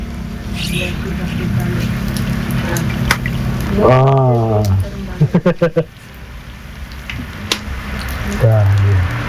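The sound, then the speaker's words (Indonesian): A savory traditional snack fries in hot oil for about five minutes, sizzling steadily with a continuous hiss dotted with small pops and crackles, while a couple of voices talk over it now and then, asking whether it can be flipped. “Ini gorengnya kurang lebih 5 menit. Ini udah bisa dibalik belum ini?”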